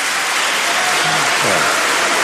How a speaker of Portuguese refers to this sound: Depois da votação, os deputados da esquerda levantaram-se a aplaudir, dirigiram-se a quem estava nas galerias, que também aplaudia, uma atitude condenada pelo presidente do Parlamento.